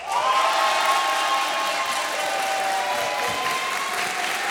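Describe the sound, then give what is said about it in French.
A large audience gathered at a town hall for France Inter's midday broadcasts applauds steadily and loudly, with some cheering and whistles mixed into the dense clapping, sustained throughout without any pause. “Vous avez un grand sourire parce que c'est agréable d'être accueilli et applaudi comme ça.”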